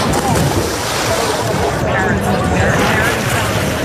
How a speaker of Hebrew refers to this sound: כך נשמעת הפסקה טיפוסית מיום הלימודים, לגדות נהר בלב הבירה ההולנדית.